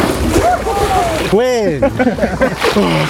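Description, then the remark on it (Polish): Water splashes and sloshes throughout as newly promoted firefighters in Bełchatów, Poland, jump into cold water in full uniform for Firefighters' Day, several people shouting and whooping loudly over it, one rising yell standing out in the middle. “Tym razem nie lecieli do ognia, ale prosto do zimnej wody i to w pełnym umundurowaniu.”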